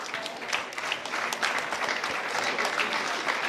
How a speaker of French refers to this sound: Je vous demande également de les accueillir très chaleureusement pour ces 2 prochains titres. On peut vous applaudir.